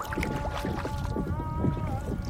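Canoe paddles dip and splash through water in a steady rhythm, a continuous wash of strokes with a faint sustained hum underneath, during the Canoe Nations of the Northwest's 2005 tribal journey by canoe down the Pacific coast.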